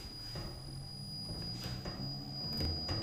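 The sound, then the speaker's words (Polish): A honey extractor loaded with balanced honeycomb frames spins honey with a steady mechanical whir, a low rumbling drone beneath a constant high whine, with faint knocks and swells. No one speaks. “I tam słychać ten szum tego wirowanego miodu.”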